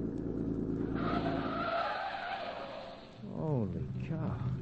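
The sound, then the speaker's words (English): A car engine roars at speed with tires squealing as it takes a curve while chasing another car, the sound loud, followed by a brief voice-like wavering tone near the end. “This ought to be the last curve, then a straightaway.”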